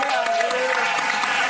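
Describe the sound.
An audience breaks into steady, dense applause, many hands clapping together at close range, with faint crowd voices mixed underneath throughout.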